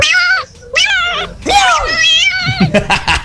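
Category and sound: animal, cat meowing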